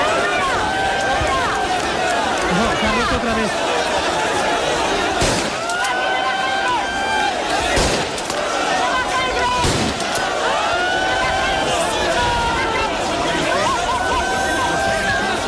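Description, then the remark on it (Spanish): A large crowd of migrants surges in chaos during an early-morning transfer, many voices shouting and calling over a dense rush of movement, with a few sharp bangs of agents firing shots into the air cutting through the loud, continuous commotion. “Ha sido esto lo que ha generado el caos y las carreras en el traslado de los migrantes”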